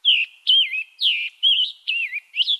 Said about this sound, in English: For example, some birds have clear singing voices, like this American robin. The Scarlet Tanager song holds a similar tune, but this bird sounds a little hoarse.